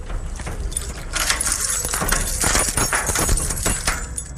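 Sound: keys jangling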